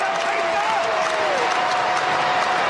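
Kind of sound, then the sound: crowd, baseball crowd cheering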